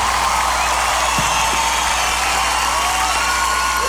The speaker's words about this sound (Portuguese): Pode aplaudir, gente. Pode aplaudir com tudo.